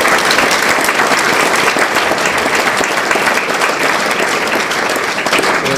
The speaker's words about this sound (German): Applaus.